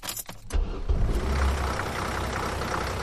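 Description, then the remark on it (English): A University of Alabama campus shuttle bus engine rumbles steadily, a deep, continuous drone that kicks in after a brief moment and holds with a broad mechanical hum throughout, with no voices. “It comes with a steering wheel, hydraulic doors, and a constant panorama of the University of Alabama in all seasons.”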